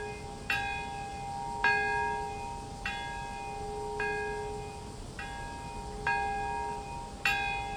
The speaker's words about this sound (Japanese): 式典会場では黙祷が行われています。平和公園にあります長崎の鐘が鳴り響きます。